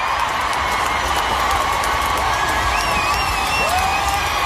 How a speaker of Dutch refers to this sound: Dit applaus duurde minstens een minuut.